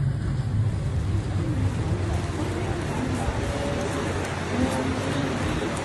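A ferry crossing open water to Hormuz Island, a crossing of about 40 minutes: a steady engine rumble with rushing water and wind noise, constant and loud for the whole stretch, with no pauses or distinct events.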